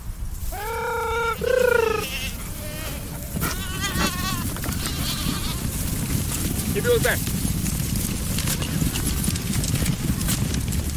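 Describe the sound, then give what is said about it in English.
A herd of goats being moved in the morning by a herding dog to a new pasture pen, several loud bleats rising over a steady shuffle and clatter of hooves, with more scattered bleats as the group keeps moving. “use a herd dog named Kippy to shuttle the goats to the new pasture”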